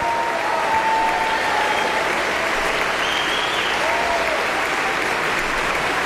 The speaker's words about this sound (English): And now the two of them exit for the moment. But the audience is still applauding.